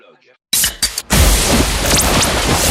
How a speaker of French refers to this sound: Une petite canette de décapsulé. Oui, j'entends. C'est le bruit, ça fait du bien, ça rafraîchit.